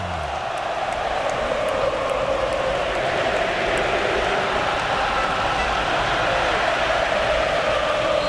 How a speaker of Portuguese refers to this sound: Tentando defender o seu título aqui, agora a torcida vem junto. Ouça um pouquinho do MetLife, ó.